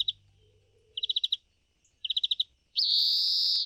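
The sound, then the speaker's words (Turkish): A European greenfinch sings: a short opening note, two quick bursts of rapid twittering trills, then a long, loud nasal wheeze. No voices are present. “Florya'nın çok güzel bir sesi var. Çok farklı ve hep böyle arka fonda duyuyorum.”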